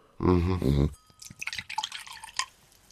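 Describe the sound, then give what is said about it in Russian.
A short spoken phrase, then a drink is poured into a glass: about two seconds of irregular trickling and splashing with bright, uneven gurgles and drips, moderately loud and heard alone. “Я еще налью.”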